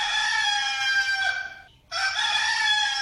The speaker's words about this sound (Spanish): Bueno, ahí está ese gallo cantando, diciéndole que ya amaneció y que ya es hora de dejar la camita.